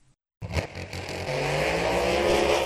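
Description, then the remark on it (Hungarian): Car and motorcycle racing engines roar to life after a brief silence at an all-day acceleration race at the Fertőszentmiklós airfield, building into a loud, sustained growl with rising revs and no voices. “Feldőgnek a motorok Fertőszent Miklóson.”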